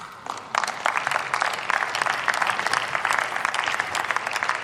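A crowd applauds steadily, many hands clapping in a dense, bright patter that starts after a brief quieter moment and holds at an even, fairly loud level throughout.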